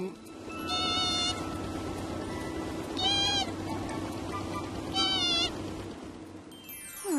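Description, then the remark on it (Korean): A seagull gives three sharp, high, nasal cries spaced a couple of seconds apart, over a steady low rumbling background. “갈매기가 뭔가 알려주려는 것 같다.”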